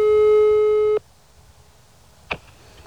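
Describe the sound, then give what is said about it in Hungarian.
A loud, steady telephone ringing tone sounds for about a second on a phone call to the mayor of Tiszanagyfalu, then cuts off into near silence, followed by a brief click or pickup noise on the line. “Az ügyben többször kerestük Rudolf János Ferencnét, Tiszanagyfalu polgármesterét telefonon, végül írásban is.”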